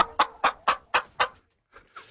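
A chicken clucks in a quick, evenly spaced run of five sharp clucks, then trails off into a couple of softer, fainter ones. No talking.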